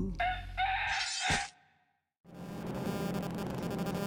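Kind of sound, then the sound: animal, rooster crowing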